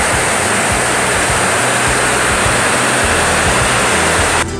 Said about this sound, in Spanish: Está crecidísimo, ¿eh? ¿Saben por qué? Se han muy crecido los ríos en Comitán, los arroyos secos que en temporal de lluvia crecen